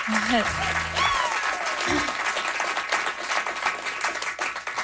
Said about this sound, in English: Nice little round of applause for them.